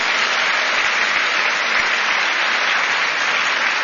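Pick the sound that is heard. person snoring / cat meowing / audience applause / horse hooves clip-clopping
audience applause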